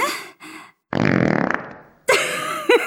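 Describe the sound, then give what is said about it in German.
A robot cat, being stroked, lets out a loud, raspy fart-like blast lasting about a second and trailing off, with shorter buzzy, warbling electronic noises just before and after. “Das klang eben eher wie ein Dinosaurier auf dem Klo.”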